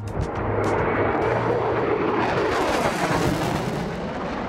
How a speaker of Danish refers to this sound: Det er F-16-flyet, der jo nu er blevet udskiftet med F-35-flyene på flyvestation Skrydstrup.